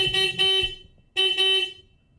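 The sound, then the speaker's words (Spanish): A motorcycle horn honks twice inside a radio station's broadcast booth, each blast lasting under a second with a bright, buzzy, steady tone, separated by a short pause, loud and with no voices. “Ma, tenemos una moto en la cabina.”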